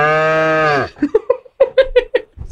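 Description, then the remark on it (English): A person's voice imitates a cow with one long, steady, loud moo that drops off at the end, followed by a quick series of short, choppy vocal bursts. “Cow call.”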